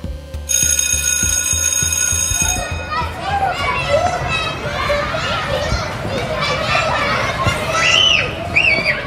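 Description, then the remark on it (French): A shrill electric bell rings for a couple of seconds, then a lively crowd of children shouts, squeals and chatters over one another while playing at 10 a.m. recess in the schoolyard of the Profondine school in Saint-Sébastien-sur-Loire, Nantes metropolitan area, France, loud and continuous. “Ici, on entend les enfants crier, jouer et s'amuser autrement.”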